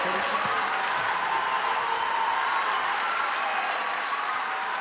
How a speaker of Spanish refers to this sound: El aplauso